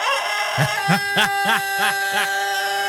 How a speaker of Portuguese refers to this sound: Ó o galo acordando aí, ó o galo acordando aí, ó.